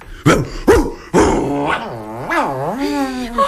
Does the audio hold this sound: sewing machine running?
no